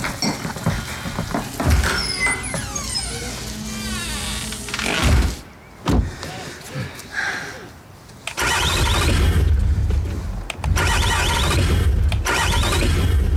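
A car engine cranks repeatedly in loud, grinding bursts but never catches, sputtering and whining between attempts before cranking again.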